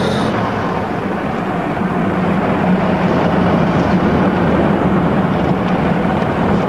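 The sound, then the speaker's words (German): A car drives off and travels along as it gets dark, a steady, loud engine rumble filling the whole stretch with a constant low drone and road noise, no voices and no break in the sound. “Schnell steigen Sie ein. Komm, fahren Sie los.”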